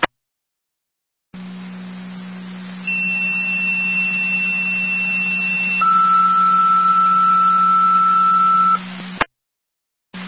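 Fire dispatch alert tones on a radio, an additional set of tones for a company responding to Woodcliff Drive, where a tree fell on power lines onto a car: a steady low hum, then a sustained high tone, followed by a second, slightly lower tone, each held for several seconds before cutting off abruptly. No one speaks.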